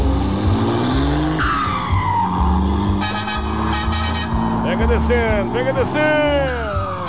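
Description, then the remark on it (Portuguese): A turbocharged cargo truck revs and accelerates on black asphalt, its loud engine drone rising in pitch, with a whistling turbo whine sweeping up and down near the end and muffled voices underneath. “Bom dia, acelerando aí o turbinadão, hein?”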